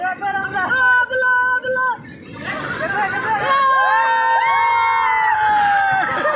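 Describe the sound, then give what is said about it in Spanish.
Several people yell loudly and urgently over a noisy crowd, warning a man of imminent danger, their raised voices overlapping in sustained, strained shouts that rise and swell across the few seconds. “Los gritos le advertían del peligro inminente y pasó.”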